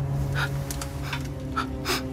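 Heavy, panting breaths of an unseen person in a room come in a quick uneven rhythm, about five or six airy gasps, over a steady low electrical hum with no talking.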